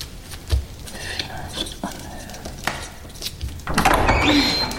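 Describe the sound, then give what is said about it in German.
A door opens with a few knocks and rattles, then a drawn-out creaking squeal near the end, moderately loud with no one speaking. “Tür zu!”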